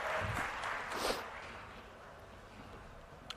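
Soft applause as goalkeeper Alisson of Liverpool is announced, a scattered patter of clapping that is fuller in the first second and then thins out to a faint, fading crackle, with no voices over it.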